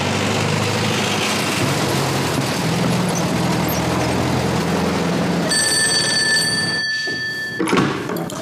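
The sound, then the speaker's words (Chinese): A steady rumble of engine or traffic noise fills the background, then a telephone rings clearly for about two seconds near the end with a bright, steady electronic tone. “哦，你稍等一下，我打个电话核实一下。”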